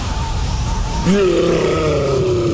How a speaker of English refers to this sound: That's the sound of a Yeti in the fridge. Yeah, there's a Yeti in the fridge.